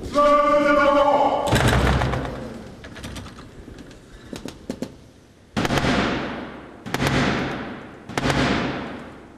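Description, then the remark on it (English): Three heavy, evenly spaced knocks boom out on the door of Britain's Parliament, each leaving a long ringing decay, after a brief voice and some lighter scattered thuds and footsteps. The Black Rod knocks to gain entry after the door is slammed in his face, a 350-year-old ceremonial tradition. “That was the 350-year-old tradition of the King's Messenger, the Black Rod, knocking to gain entry after having Parliament's door slammed in his face.”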